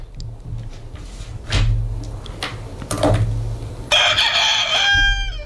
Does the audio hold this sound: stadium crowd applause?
no